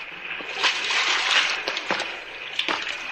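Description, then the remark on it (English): Water splashing and sloshing, with a few distinct splashes at irregular intervals over a steady rushing wash, as someone wades into a shallow underground river. “Come on in, sailor. The water's fine. Shallow, too.”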